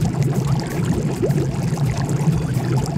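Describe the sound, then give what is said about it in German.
Steady, dense churning of bubbling water in a private jacuzzi with a low motor hum underneath, continuous, with no voices. “Unsere beste Investition des Sommers war unser Jacuzzi und wir nutzen es täglich mehrmals.”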